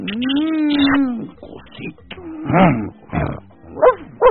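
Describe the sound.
A man's voice imitates a dog, starting with a drawn-out, whining howl and then letting out several short, gruff barks in uneven bursts, fairly loud.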